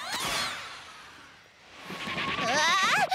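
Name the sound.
sheep bleating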